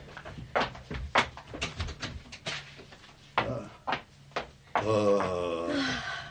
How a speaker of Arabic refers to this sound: حسنا. أغلق الباب.